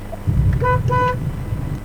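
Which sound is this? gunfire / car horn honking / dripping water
car horn honking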